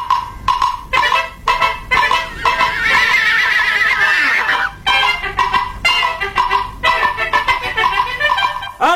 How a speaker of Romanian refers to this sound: Am găsit un cal. Un cal? Și? Și nu știu ce să fac cu el.